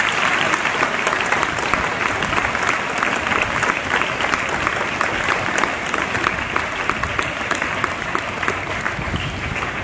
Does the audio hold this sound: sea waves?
no